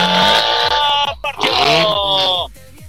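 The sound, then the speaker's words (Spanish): A loud rally race car engine revs hard with a rough, buzzing roar, dips briefly as if shifting, then climbs again before cutting off as the car departs in a competition. “Partió la máquina de Luis Ramírez en competencia con Alex Ramírez.”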